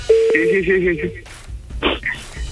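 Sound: telephone call being dialed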